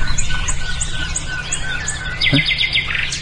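Several songbirds sing outdoors at sunrise, with repeated high chirps and whistled phrases, then a bright, rapid trill near the end, all over a steady low background rumble.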